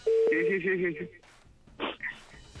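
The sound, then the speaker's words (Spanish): A steady telephone dialing tone sounds for about a second, loud, as a phone call is being placed, with voices murmuring over it, followed by a few short rustling bursts. “A ver, le estamos marcando.”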